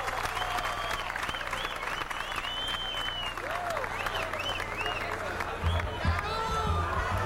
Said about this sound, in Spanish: Gracias por esos aplausos inmensos que no me los merezco. Hace 5 años que los abandoné, pero estoy aquí un ratito con ustedes.